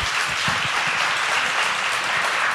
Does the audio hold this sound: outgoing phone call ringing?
no